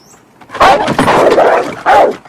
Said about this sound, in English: He squints, then peers over the top, only to be scared off by the agitated dog.